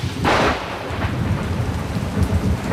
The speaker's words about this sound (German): Und dazu Erfrischung. Dieses Mal einen Regen. Ist das gut? Mann, es ist so schön.